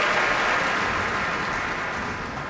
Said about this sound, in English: Also a violin solo by concertmaster Alexander Velenzone, as Keith Lockhart asks all the members of the Boston Pops to stand and receive the applause here at the Koussevitzky Music Shed.